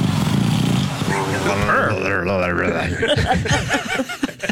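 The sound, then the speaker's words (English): A flat-faced dog breathes in a low, rattling, purr-like rumble, then gives squeaky, wheezing snorts as voices laugh and talk over it. “You know, its face is all smushed in, so these are the noises it makes as it breathes.”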